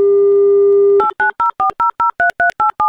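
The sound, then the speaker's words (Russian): A radio host on Avtoradio dials a listener's phone number: a steady telephone dial tone hums for about a second, then gives way to a quick run of about ten touch-tone keypad beeps, each a short two-note chirp, with no talking. “И очень надеюсь услышать гимн авторадио вместо гудков, который является пропуском в игру раз”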